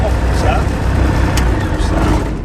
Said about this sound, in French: Et on démarre. On est en train de mettre les gaz sur l'axe de montée initiale 18.